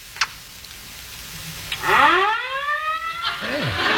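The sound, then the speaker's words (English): Fire engine sirens start up after a brief quiet stretch, a loud wailing tone that sweeps steadily upward in pitch and holds, with a second rising wail joining near the end. “It sounds like they're very close in our street. Can't you hear them? Hear what? The fire engines.”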